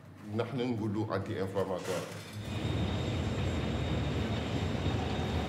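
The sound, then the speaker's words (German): A voice speaks briefly, then a loud, steady rumbling roar takes over as iron ore pours out of a freight train being unloaded in Mauritania, with continuous rattling and grinding. “Zur gleichen Zeit wird das Eisenerz aus dem Zug entladen.”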